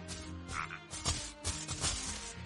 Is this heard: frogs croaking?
yes